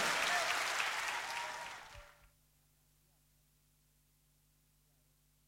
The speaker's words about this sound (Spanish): Fuerte el aplauso para los bailarines. Gracias, gente.